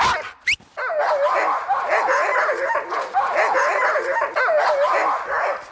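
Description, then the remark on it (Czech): A pack of sled dogs barks and yips excitedly all at once before the start, as they are put into harnesses to be hitched to the lines: a dense, continuous chorus of overlapping high-pitched calls, loud, with no pauses throughout. “A teď psi je potřeba ještě oblíkat do postrojů. Až ty psi oblíkneme, zapřáhnou se na lana a vyrazíme.”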